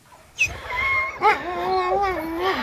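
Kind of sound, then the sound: animal, sled dogs howling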